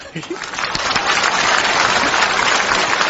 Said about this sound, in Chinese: 鼓掌